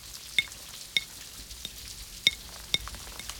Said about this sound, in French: Les gouttes glissent sur les vitres. Il y en a des grosses, il y en a des petites. Il y a celles qui vont très vite et celles qui prennent leur temps.